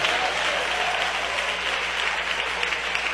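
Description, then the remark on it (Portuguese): A church audience claps hands to glorify Jesus in a sustained, dense burst of applause, loud and steady throughout with no clear individual beats, and no voices standing out above the clapping. “Eu quero palmas misturado com glória a Deus.”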